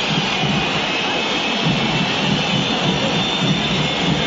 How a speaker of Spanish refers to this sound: Perdió River y hay silbatina, terminó el partido. River 0, Rosario Central 1.